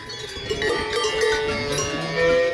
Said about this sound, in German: Die Kühe, die treiben ihr Unwesen. Ich finde das einfach sehr, sehr entspannend. So geht's aber nicht allen Menschen auf dieser Welt. In Italien hat sich eine Touristin über diese Kuhglocken beschwert.